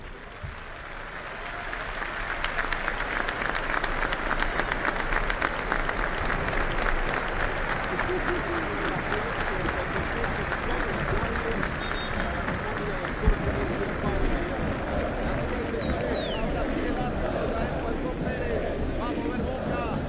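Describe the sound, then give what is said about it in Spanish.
A large stadium crowd at a Boca football match applauds steadily and continuously during a minute's silence for the death of Lionel Messi's father, a dense wash of clapping that swells in the first seconds and then holds at a loud, even level throughout. “Momento muy emotivo, la gente aplaudió en el minuto de silencio en homenaje a este jugador que nos ha dado tantas satisfacciones, enormes satisfacciones a lo largo de las últimas dos décadas, y que hoy está sufriendo quizá el peor día de su vida.”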